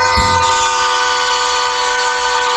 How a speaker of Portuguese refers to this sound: Aqui, maquinista. Escuta o som da buzina. Vai. Essa é pra você.